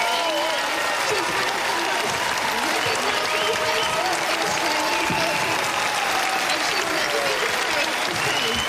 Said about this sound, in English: Liberal leader Angus Taylor, I forgot his name, took to the stage. Dozens of people gave a round of applause.